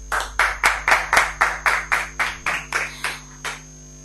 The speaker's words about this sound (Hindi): बहुत ही सुंदर कविता, सभी अभी के लिए जोरदार ताली बजाएंगे, जोर से बजाओ सारे बच्चे।